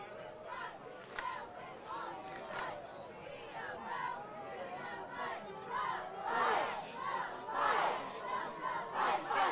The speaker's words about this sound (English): Cheerleaders trying to drum up some crowd support.